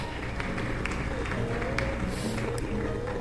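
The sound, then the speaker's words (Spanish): An audience at a night worship service claps hands to exalt the Lord, in a dense, steady wash of applause, with scattered sharper claps and a low murmur of voices underneath. “¿Cuánto pueden darle palmas al que vive en esta noche?”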